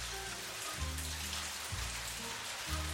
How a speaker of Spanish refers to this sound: qué tormenta se viene. Está lloviendo por allá.